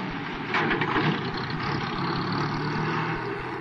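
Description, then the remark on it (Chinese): A small car's engine rumbles steadily, swelling slightly early on and then holding a broad, even drone as the car drives off; no voices are heard. “忽然一辆小汽车开到他身边，猛然刹住。”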